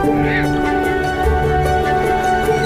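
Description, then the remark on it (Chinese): A dense chorus of migratory waterfowl calls at Dali Nur Lake in Inner Mongolia, honking and overlapping continuously from a large flock, loud with no pauses across the whole stretch. “洄游的华子鱼和远来的候鸟在这里不期而遇，于是一场属于候鸟的饕餮盛宴开始了。”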